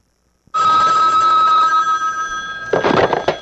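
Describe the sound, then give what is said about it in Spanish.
A telephone bell rings loudly and continuously for about two seconds, its bright metallic tone sustained, followed by a brief clattering noise as the ringing fades. “Caramba, hasta mi mujer se ha revuelto con este teléfono.”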